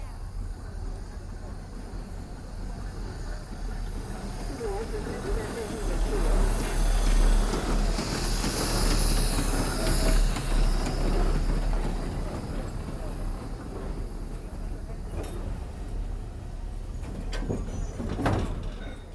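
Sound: steam train approaching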